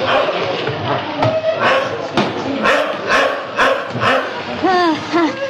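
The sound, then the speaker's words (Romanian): The dog Dingo barks several times in a loose, uneven rhythm, clear, ending with a few higher-pitched yelping whines. “În orice caz, nu-i Negoro, căci ar lătra mai furios.”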